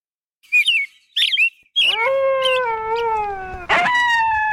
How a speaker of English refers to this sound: The bugle of a bull elk in rut is a sound that's not often heard in Alaska. Elk are found in only a few locations in Alaska where they've been introduced.